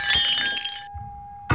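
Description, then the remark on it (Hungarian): A ceramic plate smashes into 29 pieces, a bright crash of shattering pieces followed by a ringing tone and scattered tinkling, then a second sharp clatter at the end. “Eltörtem egy tányért.”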